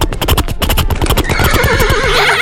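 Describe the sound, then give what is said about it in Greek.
A person imitates a horse whinny: a rapid run of breathy, stuttering pulses gives way to a high, quavering neigh that wavers up and down, loud with no other talk. “στείλτε μας ηχητικό, μίμηση αλόγου.”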